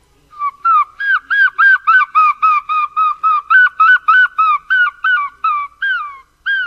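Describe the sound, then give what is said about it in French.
A human voice imitates a herring gull, producing a rapid, even series of about eighteen loud, nasal yelping calls, with no talking. “Alors moi, le premier oiseau, c'était le goéland argenté, celui-là.”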